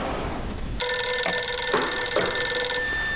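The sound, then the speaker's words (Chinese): A telephone rings during a dinner with guests: a bright, steady electronic tone that starts abruptly after a moment of quiet room noise and sounds for about two seconds, fairly loud, with no one speaking. “二位，失陪一下，电话响了，我去接个电话，马上回来。”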